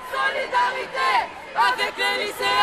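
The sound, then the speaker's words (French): Outdoor crowd ambience from a protest march near the Place de la Nation, with many overlapping voices chattering and calling out in a steady, busy babble, no single speaker standing out. “Notre correspondant François-Xavier Legrand a suivi le cortège à quelques pas de la place de la Nation.”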